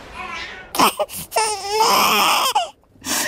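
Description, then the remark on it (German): A newborn baby girl cries: a few short, sharp sobs, then a long, loud, wavering wail that breaks off and starts up again at the end. “Es ist da. Ich hab's gehört.”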